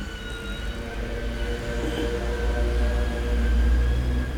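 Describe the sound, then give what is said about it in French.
A siren sounds with steady, high tones over a loud, continuous low rumble of street traffic on the rue de Bussy that swells slightly toward the end; no one speaks. “On entend une sirène.”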